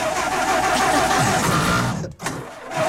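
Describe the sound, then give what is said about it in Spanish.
A car engine cranks and starts up with a loud, rough mechanical roar and a steady whine, dropping out briefly near the end before running on, with no talking. “Ahí arrancó.”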